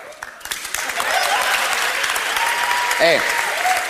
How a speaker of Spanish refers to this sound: Cada uno que aplauda lo que quiera. No sé si justamente esta es una zona en la que se puedan aplaudir fenómenos... sísmicos, ¿no?